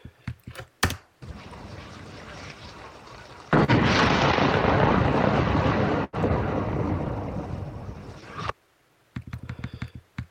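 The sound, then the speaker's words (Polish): AI-generated large explosions: a roaring, noisy blast that swells into a louder, sustained rumble for several seconds, then cuts off abruptly, with short crackling pops before and after. No voices. “O, duże wybuchy.”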